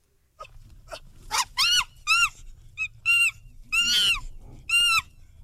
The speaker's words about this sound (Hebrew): טוב, בניגוד לצו של מקודם, עכשיו אנחנו יודעים שזה בטוח קופים, נכון?